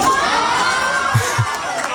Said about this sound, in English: All the kids cheering him on.